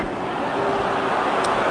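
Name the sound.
stadium crowd groaning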